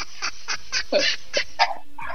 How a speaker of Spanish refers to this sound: ¡Cállense, perrito! Están ladrando.